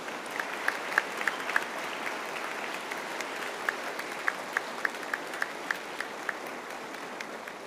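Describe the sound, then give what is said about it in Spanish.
An audience at a church service gives a loud applause to the Sacred Heart of Jesus, a steady, dense wash of clapping, with a few sharper individual claps standing out in a loose rhythm above the crowd noise. “Sagrado Corazón de Jesús, se lo decimos con amor, con un fuerte aplauso al Sagrado Corazón de Jesús.”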